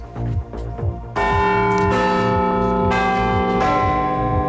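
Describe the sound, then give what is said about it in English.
The Big Ben clock tower bell chimes loudly, striking about four times in slow succession, each rich, resonant tone ringing on and overlapping the next, with a low pulsing beat underneath. “And Big Ben is set to have a new keeper. We'll bring you inside the world's most famous clock and its mechanisms.”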